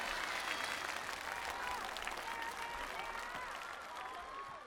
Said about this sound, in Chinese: 来，掌声给他们三位，请回到舞者大厅。